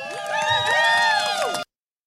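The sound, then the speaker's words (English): A crowd celebrating their first contract cheers and whoops, many overlapping voices rising and falling in pitch over scattered claps, loud and sustained for about a second and a half before cutting off abruptly. “So give yourselves a round of applause and make some motherfucking noise.”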